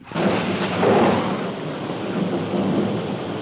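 Steady, dense rain hisses throughout while a deep roll of thunder swells near the start and fades into the downpour. The storm is fairly loud, and no one speaks.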